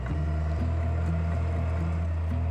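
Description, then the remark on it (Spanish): A tractor engine drones steadily and loudly as it uproots grapevines on a vineyard plot of the Agricultural Institute, a deep continuous rumble with slight shifts in pitch as it works, with no voices present. “Si el terreno no es demasiado empinado, puede hacerse con un tractor.”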